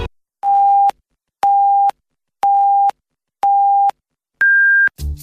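A radio hourly time signal from Huairou People's Radio Station, FM 101.3, marking 18:00 Beijing time: five evenly spaced electronic beeps, one per second, four identical mid-pitched tones followed by a higher final tone, clear and loud with silence between.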